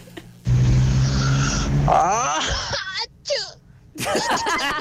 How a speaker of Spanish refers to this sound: Hasta acá llegó humedad. Me pareció humedad. Un estornudo con olor a humedad y a virginidad.